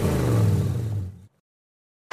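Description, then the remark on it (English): The deep, throaty 5-litre V8 engine of a Holden Commodore VK revs loudly for just over a second, then cuts off abruptly into silence before another brief loud burst at the very end. “when I get into my Commodore VK Galo 5 liter, I listen to 106.9 Gave FM”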